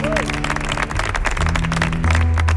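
An audience applauds loudly and steadily, dense overlapping claps filling the whole stretch, while low sustained tones hum beneath and swell slightly toward the end.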